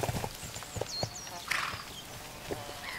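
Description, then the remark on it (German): Hooves of free-roaming horses clip-clop in an uneven rhythm outdoors on the Giara di Gesturi, a table-mountain plateau in Sardinia, with a few louder thuds and snorting or whinny-like sounds, while birds chirp faintly in the background. “Ihre berühmtesten Bewohner sind frei lebende Pferde.”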